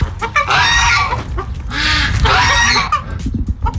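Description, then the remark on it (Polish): Several hens cluck and squawk in an excited, overlapping chorus as a farmer calls them into an airy henhouse during hot weather, with bursts of louder calls rising over a low rumble of movement and background noise. “Pan Roman woła swoje kury do przewiewnego kurnika.”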